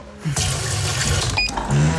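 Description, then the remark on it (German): Water pours steadily into a coffee machine's water tank for about two seconds, with a brief clink midway and a rising gurgle as it fills near the end. “Wassertank leer.”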